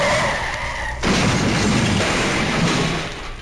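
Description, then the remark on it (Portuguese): Car tires squeal in a sustained skid for about a second, then the car crashes into another car with a loud crunching, rumbling noise that lingers before fading slightly. No one speaks. “Ô, seu cretino, você amassou todo meu carro, vai ter que pagar.”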